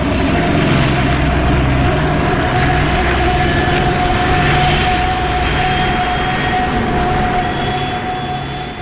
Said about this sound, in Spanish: El pequeño jet inicia el despegue. A velocidad vertiginosa se desliza por la pista de la isla, flanqueada por vegetación exuberante, y en pocos segundos inicia el vuelo.